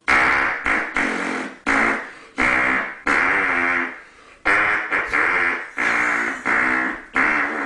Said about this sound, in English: It's the hand farting man. Not. No. Nope. Not that version. Not approved.